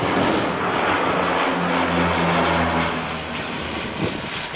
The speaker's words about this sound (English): Astonished residents watched iconic Canadair firefighting planes, typically associated with fighting southern fires, working for the first time in the Paris region.